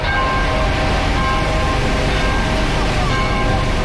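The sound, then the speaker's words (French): A steady, loud rumble of a car driving in a slow convoy at about 40 km/h, with continuous road and engine noise and a few faint humming tones running through the whole stretch, no clear voices. “le cortège roule pas vraiment au pas. T'es à combien là ? 40.”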